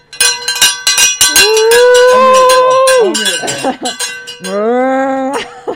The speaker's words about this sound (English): And we got to get that. We got to get the cowbell back out.